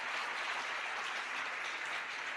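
Dense, steady hand clapping from many people, a continuous crackling wash of claps with no individual rhythm, loud and sustained throughout with no voices.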